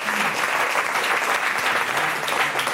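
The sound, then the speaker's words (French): A steady burst of audience applause for the decoders, dense overlapping clapping at a constant, fairly loud level throughout, with a faint voice briefly audible underneath. “Applaudissements pour nos décodeurs et décodeuses.”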